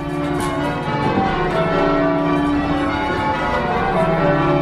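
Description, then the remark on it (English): Church bells ring in a continuous peal, their overlapping tones blending into a steady, resonant wash that stays fairly loud throughout, with no voices. “If you don't like church bells, you don't come to live in this area.”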